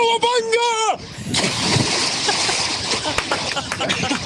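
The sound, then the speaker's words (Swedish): A person yells briefly, then a loud splash as they jump into the Ljusnan river to test the water temperature, recorded on a mobile phone placed at the edge, followed by several seconds of churning, sloshing water. “Där kan vi snacka plums!”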